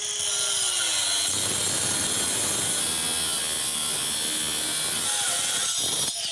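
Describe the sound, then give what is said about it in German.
An angle grinder with a diamond disc shrieks steadily as it cuts through a metal bike lock, a loud, continuous high-pitched grinding roar held for several seconds, with no one speaking. “Der Hersteller behauptet, das hält einer Flex stand. Deswegen würde ich mal sagen, wir fangen mit der Flex an.”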